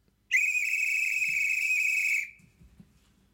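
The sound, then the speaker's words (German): A single long, steady, high-pitched whistle blast from a train conductor giving the departure signal, lasting about two seconds, loud and unwavering, then cutting off abruptly, leaving faint low rumbling and soft knocks behind. “Jetzt kommt ein Signal, was den Zug ja wahrscheinlich in Bewegung setzt.”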